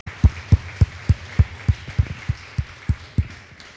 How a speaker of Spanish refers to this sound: Denle un fuerte aplauso al que merece toda gloria y honra.